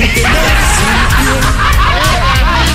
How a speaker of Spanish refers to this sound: Y ese es el pato.